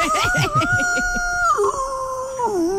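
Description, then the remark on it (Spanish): A person imitates a rooster's crow, stretched into one long, wavering howl-like call that drops in pitch partway through and again at the end, with brief low vocal sounds under its start. “Uy, eso es un lobo. Un gallo lobo.”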